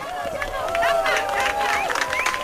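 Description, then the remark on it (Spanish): An excited crowd in Cuenca, Spain, cheers and claps at a total solar eclipse, with many overlapping voices, shouts and a long rising-and-falling whoop or whistle carrying over the steady, moderately loud applause. “Fascinación, asombro, emoción, aplausos.”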